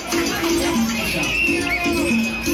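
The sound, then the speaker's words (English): A dense crowd of Colombian soccer fans in yellow jerseys, gathered in Houston to watch the Colombia-Uzbekistan game, roars and cheers, with repeated short whistle blasts sounding in a steady, chant-like rhythm above the noise. “The Colombian community gathered in Houston earlier this week to watch the Colombia-Uzbekistan game, sporting yellow jerseys and whistles.”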